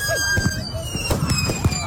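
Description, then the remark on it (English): Unsecured fireworks go off in a rapid, chaotic barrage: several sharp bangs and crackling pops mixed with high whistling streaks, layered over a constant background rumble. “See, the thing is, though, people didn't secure the fireworks property and this is what happened.”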